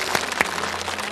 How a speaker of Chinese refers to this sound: 好吧，我们再次掌声送给这家幸福的人。